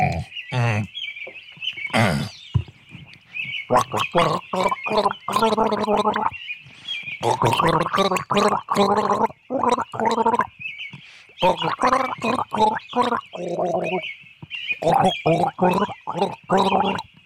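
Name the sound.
gargling with water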